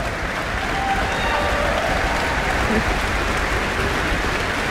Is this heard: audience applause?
yes